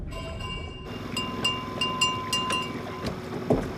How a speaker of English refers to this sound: He yanks on a line which rings a bell on Neckbone's boat.